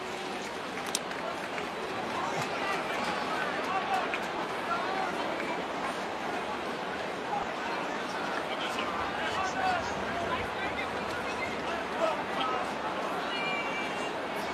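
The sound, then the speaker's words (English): A subdued baseball stadium crowd at Fenway during a night game against Cleveland murmurs steadily throughout, a dense blur of many indistinct voices at an even, moderate level, with a few brief sharp sounds poking through early on. “Kind of a subdued crowd at Fenway here tonight.”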